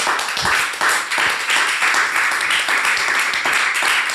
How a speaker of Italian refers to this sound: Gli applausi fuori scena, oltre che in studio, che potete ben immaginare.